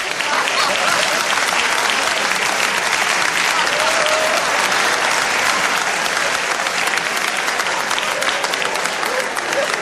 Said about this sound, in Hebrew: טייב, נקבל אותו במחיאות כפיים סוערות.